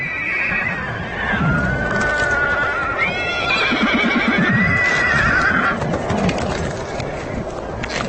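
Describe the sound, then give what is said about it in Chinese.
Several young Konik horses whinny and neigh in overlapping, wavering calls amid restless commotion caused by a frozen stream they must cross in freezing temperatures, with low rumbling and scuffling movement underneath throughout. “这条结冰的小溪在小马群中引起骚动，他们必须从这里通过，问题是谁先过。”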